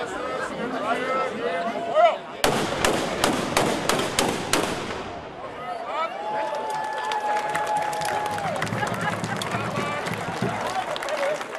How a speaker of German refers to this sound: Mit einem Böllerschießen gab die Schützengilde Zerbst den Startschuss für das Heimat- und Schützenfest 2026.